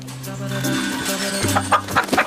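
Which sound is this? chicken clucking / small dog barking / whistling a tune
chicken clucking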